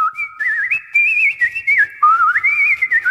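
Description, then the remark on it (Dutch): Nightingale song imitated by human whistling, portraying a nightingale singing on a windowsill in a bedroom: a loud, continuous warbling melody of high sliding notes and trills, leaping between pitches in short phrases, with no talking. “Daar op de vensterbank zat de echte nachtegaal uit volle borst te fluiten.”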